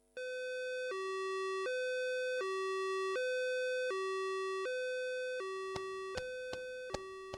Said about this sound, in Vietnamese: Cảnh ở bệnh viện, tiếng còi xe cấp cứu, tiếng bước chân vội vã.